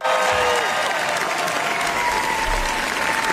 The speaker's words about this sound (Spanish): Y estos son aplausos que, bueno, pues ya sea para nuestra corresponsal, pero no, son para Pedro Almodóvar en el Festival de Cannes. Le gustó mucho al público asistente, críticos, etcétera, Amarga Navidad. Se proyectó en la Croisette